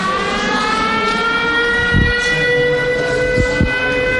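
An air raid siren wails with a steady, sustained tone throughout, loud and droning, with a few dull low thuds in the background, at a school in Kyiv, Ukraine, while enemy drones are being shot down over the city.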